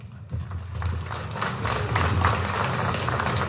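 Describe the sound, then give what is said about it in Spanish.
Steady crowd applause at an agricultural fair in Santa Isinuta as Evo Morales, first president of the Plurinational State, is invited to speak: a dense patter of many hands clapping that swells after the first moment and holds at a fairly loud, even level throughout, with no voices standing out. “Y con ese aplauso vamos a invitar en palabras a nuestro presidente de la coordinadora de las 6 federaciones, primer presidente del Estado Plurinacional, Evo Morales Ayma.”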